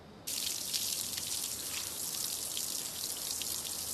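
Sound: water running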